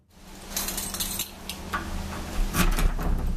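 A heavy airlock door is pushed open with a series of sharp metallic clanks and clicks over a low rumble that swells louder toward the end. No one speaks.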